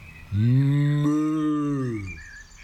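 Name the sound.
sheep bleating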